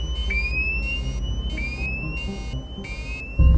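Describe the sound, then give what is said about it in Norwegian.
An aircraft fire alarm, warning that the left engine, the plane's only working engine, is on fire, blares in quick, evenly spaced pulses of rising electronic tone over a steady low engine rumble, ending with a sudden loud low thump. “Så går brannalarmen. Venstre motor, flyets eneste fungerende motor, står i brann.”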